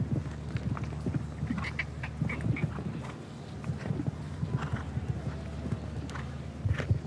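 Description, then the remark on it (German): Horse hooves clip-clop in a steady, repeated rhythm beneath a rider who is helping the horse along with leg pressure, clear, over a constant low background rumble with no talking. “Sie sehen, wie der Reiter seinem Pferd so ein bisschen helfen muss.”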